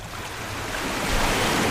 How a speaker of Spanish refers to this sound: Escuches este rumor que nunca se apaga, es el latido azul que sostiene la vida, es el mar.